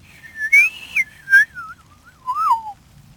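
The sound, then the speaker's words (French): A person whistles an imitation of a woodpecker's spring call: clear, wavering tones that rise and dip in a few short phrases, ending with a falling note, with no talking. “Puis le printemps, il siffle comme un monsieur, lui, attention.”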